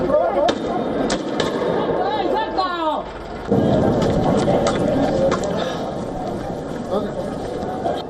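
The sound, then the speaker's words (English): Loud explosions boom and echo between buildings in the streets of La Paz, Bolivia, during clashes between miners and police: several sharp blasts with rolling reverberation over a dense background of crowd noise and shouting voices in the street. “Explosions echo through the streets of La Paz as Bolivian miners engaged in fiery clashes with the police.”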